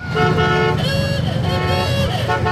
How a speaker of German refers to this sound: 300 Autos aus den vergangenen 100 Jahren knattern durch Springfield. Die Geburtsstadt der Route 66 feiert 100 Jahre Mother Road, die Mutter der Straßen.